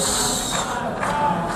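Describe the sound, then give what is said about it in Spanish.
A crowd booing Israeli Prime Minister Benjamin Netanyahu at the United Nations General Assembly: a steady, loud wash of many voices jeering together, sustained without pause for the whole short stretch, with no single voice standing out. “En la Asamblea General de Naciones Unidas esta tarde comparece el primer ministro de Israel, Benjamín Netanyahu, que ha recibido un sonoro abucheo.”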